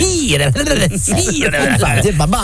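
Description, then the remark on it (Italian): A person talks in an exaggerated, snake-like way, imitating a snake's hiss and drawing out hissing sibilants between voiced syllables. The delivery is loud and continuous for the whole stretch. “Parli come serpente.”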